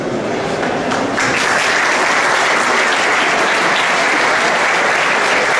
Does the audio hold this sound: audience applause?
yes